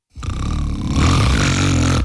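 A loud, rumbling snore fills about two seconds, one long, coarse rattling breath that grows heavier partway through, with no talking.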